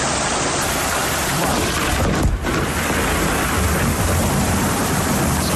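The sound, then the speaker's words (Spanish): Heavy rain pours down in a dense, steady roar, with a low rumble of thunder rolling underneath and a brief louder burst midway, during an isolated thunderstorm concentrated over one spot in Archidona, around 6 in the evening. No voices. “Tormenta aislada, muy concentrada en el mismo punto.”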